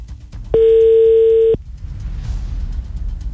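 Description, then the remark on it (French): A single telephone ringing tone on an outgoing call to Phoenix, a steady one-second electronic beep that stops abruptly, followed by a low background hiss with no voices. “Encore une dernière sonnerie.”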